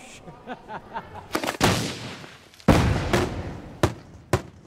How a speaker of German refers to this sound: Ein Fest ohne Feuerwerk ist auf Gozo undenkbar. Freiwillige stellen Böller und Raketen in monatelanger Handarbeit her.